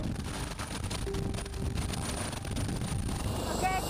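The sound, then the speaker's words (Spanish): Loud, steady rumble of a helicopter cabin in flight toward a training area in the Alps, with dense low engine and rotor drone and a constant high whine running unbroken throughout. “Mi primer vuelo en helicóptero, el miedo tengo en este momento.”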